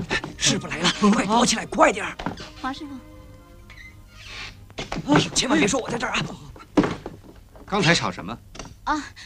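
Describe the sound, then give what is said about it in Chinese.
Several sharp knocks on a door ring out in short bursts as someone arrives, mixed in with people talking. “有人来了，小金，你去开门哦。”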